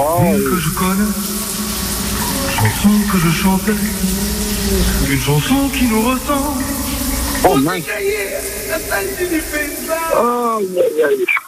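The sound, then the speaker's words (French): A man sings a wavering, melodic tune under a running shower, over the steady hiss of the water, his voice continuous, sliding up and down in pitch until the water cuts off near the end. “Bon, lui aussi, c'est un chanteur, il est comme nous, il chante sous la douche.”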